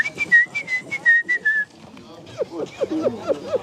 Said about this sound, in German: Als die Konzentration nachlässt, kommen die Ticks zurück. Pfeifen und Geräusche, die mich an ein Meerschweinchen erinnern.